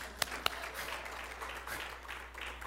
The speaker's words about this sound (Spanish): Le damos un aplauso al Señor por ella.